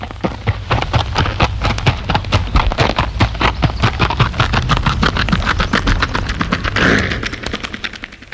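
Artificial horse hoofbeats: a steady, fast run of sharp hollow clip-clop knocks repeating for several seconds over a low humming rumble, fairly loud, with no voices.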